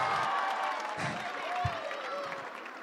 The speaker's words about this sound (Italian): ancora un grande applauso, fatevi sentire Baia Domizia!